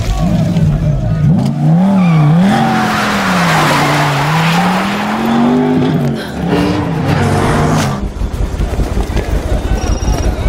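A car roars past at high speed, its tires screeching in long, wavering squeals over a loud, rushing engine for about eight seconds before the noise breaks into rougher rumbling.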